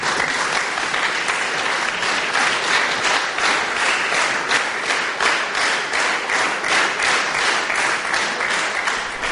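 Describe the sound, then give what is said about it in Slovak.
Dense, steady applause lasting minutes from a large crowd after a laudation is read at the general assembly of the Slovak self-government in Hungary, honouring the Union of Slovaks in Hungary and poet Juraj Dolnozemský; many hands clapping in a continuous wash of sound, loud and even throughout without voices. “Po prečítaní laudácie nasledovali minúty dlhotrvajúceho potlesku, ktorý vyjadroval úctu všetkých prítomných k zväzu i k našemu básnikovi Jurajovi Dolnozemskému.”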